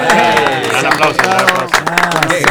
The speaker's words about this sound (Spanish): Un aplauso.